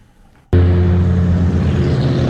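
After a brief quiet moment, a loud, steady drone from a data center along Loudoun County Parkway near Waxpool Road, Northern Virginia, kicks in abruptly: a deep, unwavering hum with layered low tones over a broad mechanical rush, with no voices.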